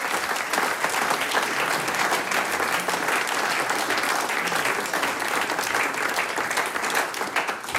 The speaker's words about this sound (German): Das ist die …. Ein Applaus für die Herren.